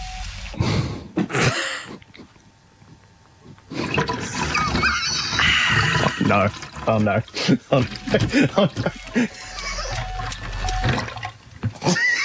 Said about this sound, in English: All right. The pouring will commence now. Do you hear that? No. Oh dear. Pour it back. Okay. Pour it back into the milk jug. Pour it.